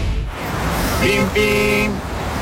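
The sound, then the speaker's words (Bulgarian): Two car horn honks, a short beep followed by a longer, steady blast, loud over a constant background hum. “Бим-бим! Когато колата ти се нуждае от внимание,”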